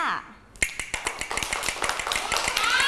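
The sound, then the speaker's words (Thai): A Thai wooden hand clapper taps out a steady run of about a dozen sharp, bright clicks, speeding up slightly, with a voice talking underneath, as a teacher gives rhythm signals for children's movement and rhythm activity. “นำเครื่องดนตรีชนิดนี้ค่ะอะไรนะกลับมือนั่นเองค่ะมาให้สัญญาณจังหวะเด็กๆค่ะจังหวะอะไรคะช้า”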